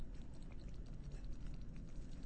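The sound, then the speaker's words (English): Steady low bubbling and gurgling as methane bubbles, from gas built up by slowly decomposing vegetation, rise and pop through wet, muddy water in a bog, with soft irregular blips over a dense rumble, continuous. “And in fact, some of the bubbling you hear in a boggy bubble bath, boggy bubble bath, are methane bubbles, because there's a lot of gas buildup from all the slowly decomposing vegetation.”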